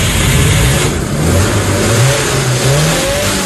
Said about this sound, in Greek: Είδες η μηχανή? Φυσάει. Σου έκανα μια δουλειά. Ωραία, καλά φυσάει η μηχανή